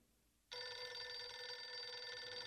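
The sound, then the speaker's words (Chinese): A telephone suddenly starts ringing after a brief quiet moment, as Nie Xi calls while Wang Bikui is preparing breakfast: a loud, steady electronic trill with bright harmonic tones that keeps going without pause, with no voices. “王碧奎正在准备早餐，聂西打来了电话。”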